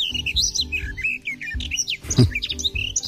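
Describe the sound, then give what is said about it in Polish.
A garden warbler sings a rich, fast, continuous warble of varied chirps and trills, clear, over a faint low background rumble with no voices. “A na trzecim głos gajówki.”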